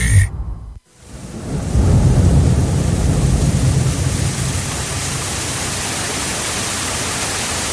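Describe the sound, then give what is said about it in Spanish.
After a brief sound and a moment of silence, a deep rumble of thunder swells up, then fades into a steady, hissing downpour of rain that continues to the end. “Cuidado, Evi. Ápate que va a llover.”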